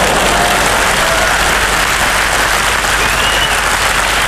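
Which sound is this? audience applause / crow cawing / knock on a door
audience applause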